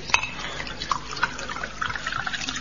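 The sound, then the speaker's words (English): A large sherry pours into a glass, a steady liquid trickle with small bright glugs and splashes, moderately quiet and lasting a few seconds with no voices. “Here, let me get the sherry for you. I take it you'd like a large one.”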